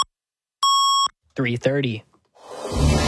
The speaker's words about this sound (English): 680 News Time at the double beep.